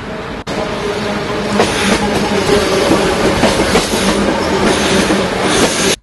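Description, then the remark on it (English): A steam train rolls along the track with a steady, loud rumble and rhythmic clatter of wheels, continuous, with no one speaking, until it cuts off abruptly. “Let's have a listen to the sound of a steam train.”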